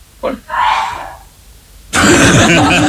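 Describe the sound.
A man gives a short, rough cough, a brief throaty burst, followed by a pause and then loud talking.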